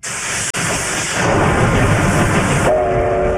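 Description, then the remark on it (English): A Japanese C-57 steam locomotive on a test run after a six-year break runs with a loud, steady roar of hissing steam and rumbling wheels, then its whistle blows with a sustained, piercing tone near the end. “The operator of a popular Japanese steam locomotive has conducted a test run after a six-year break.”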